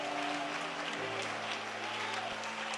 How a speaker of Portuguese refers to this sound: Amém! Amém! Palmas e glória a Deus, igreja!